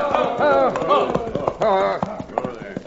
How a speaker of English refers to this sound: There was no trail to follow, so the marshal slowed his own horse and turned in the saddle.